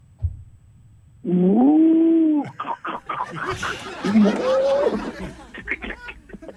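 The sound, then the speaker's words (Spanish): A person vocally imitates a cow being milked: a loud, sustained, wavering moo-like tone, followed by breathy, sputtering bursts and a second, shorter moo that rises in pitch. “El sonido de la vaca cuando lo ordeñan.”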